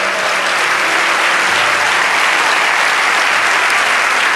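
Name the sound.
audience applause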